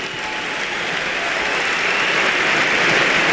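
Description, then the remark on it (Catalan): A large crowd at the men's final of the Premier Padel tournament in València applauds steadily, a dense wash of clapping that fills the space and swells slightly louder toward the end, with no voices standing out. “Però d'immediat els xiulets es converteixen en aplaudiments.”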